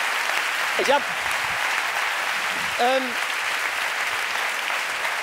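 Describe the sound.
Steady, dense applause from an audience fills all five seconds at a constant loud level, with two brief voiced whoops or shouts rising out of the clapping.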